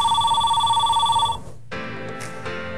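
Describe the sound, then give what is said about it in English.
A telephone rings loudly, a bright electronic trill with a fast pulsing warble, then cuts off after about a second and a half as a different sound takes over. “Phone's ringing, dude.”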